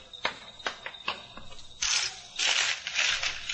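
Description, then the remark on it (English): Newspaper pages rustle and crinkle: a few sharp crackles at first, then longer, louder swishes as the pages are handled and turned, with no voices. “I want to buy a paper to see if they spelled your name right.”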